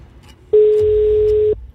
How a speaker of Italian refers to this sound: Occhio, perché non basterà più una sola telefonata, ma ce ne vogliono due. Conferma. Primo squillo.